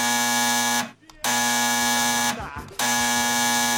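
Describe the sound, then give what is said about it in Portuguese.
A telephone rings with a harsh, buzzing electronic tone, loud and alone, sounding in three long bursts separated by brief pauses. “O telefone tocou.”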